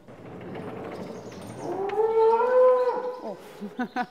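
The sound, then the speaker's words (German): An agitated young cow on a Demeter farm moos loudly and insistently, one long rising bellow followed by a few short, choppy grunts, with rustling farmyard noise in the background and no talking. “Das ist eine Jungkuh, deswegen regt sie sich hier gerade so ein bisschen auf.”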